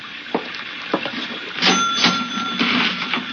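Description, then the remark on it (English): A few sharp mechanical clacks, then a bright bell-like ring as a cash register drawer rattles open to take a gun out of it, followed by more clunks and clicks. No voices. “I'll get the gun out of the register.”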